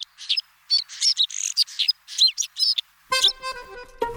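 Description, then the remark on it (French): White-winged snowfinch (niverolle, also called snow finch), a small partly white bird that lives all year on snow-covered summits, calls: a rapid series of bright, buzzy chirps, followed by a steadier, more tonal harmonic call near the end, with no voices. “On l'appelle aussi le pinson des neiges, car il vit toute l'année sur des sommets enneigés.”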